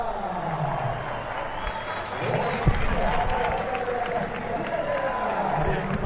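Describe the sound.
A large crowd applauds and cheers in a steady, sustained ovation for cyclist Enric Mas as he comes out onto the podium. The noise is dense and continuous for several seconds, with voices audible through it.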